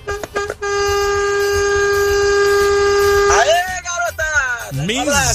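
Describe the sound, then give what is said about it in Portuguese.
A loud truck air horn on the road gives a few quick toots, then holds one long, steady blast for about three seconds before breaking into wavering, shifting tones, with voices over the end. “Misericórdia, esse povo quer matar os outros é de susto na estrada, não é possível, essa buzina aí, você vê 4, 5 segundos buzinando, imagina alguém que tá passando na frente ali, rapaz, toma um susto danado, brinca assim não.”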